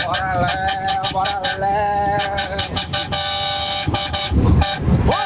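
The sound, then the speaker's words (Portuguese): Several car horns honk together in a loud, sustained chorus for a buzinaço (honking session) at 4:30 in the morning, with overlapping blasts and short pauses over a rumble of traffic noise. “Bora, acabou o Região, bora, vamos começar o buzinaço, vai.”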